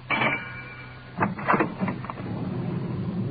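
A car rumbles steadily as it swings around to get into an alley, with a thin squeal early on and a few short knocks and scrapes partway through, continuous.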